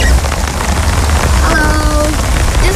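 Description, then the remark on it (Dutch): Heavy rain pours down outdoors in a backyard in Rutte in mid-September, raining hard all day. It makes a loud, steady roar, thick with the patter of drops striking surfaces, continuing unbroken from start to finish. “Het is halverwege september en het regent de hele dag al kei en keihard.”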